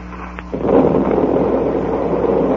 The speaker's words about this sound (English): Look at all those pieces of wood and dead fish coming up to the surface. Yeah. That explosion must have ripped the wreck wide open.